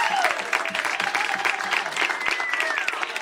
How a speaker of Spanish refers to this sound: aplauso fuerte para el señor Migue Granados. Gracias.